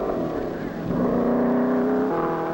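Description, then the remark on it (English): A hot rod racing car roars past at speed, its loud engine whine climbing steadily in pitch before dropping suddenly near the end, with no voices. “T roadsters. Belly tanks. Chopped coupes.”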